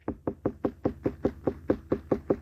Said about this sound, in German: Hören Sie mal gut zu. Also so hört sich jetzt eine reife Melone an. Und so hört sich jetzt eine unreife Melone an. Also nochmal die reife Melone.